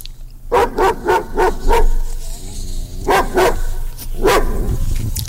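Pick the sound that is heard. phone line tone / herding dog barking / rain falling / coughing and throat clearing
herding dog barking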